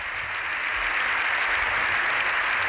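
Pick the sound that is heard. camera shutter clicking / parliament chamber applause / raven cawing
parliament chamber applause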